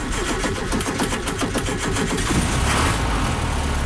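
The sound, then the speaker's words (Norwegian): A 1970 Volkswagen Beetle engine runs steadily, a rattly air-cooled chug with a dense, fairly loud mechanical clatter, and no one speaks over it. “Det vakkert dette her også, men på en litt annen måte enn 1970-modell boble.”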